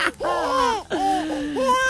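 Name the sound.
baby crying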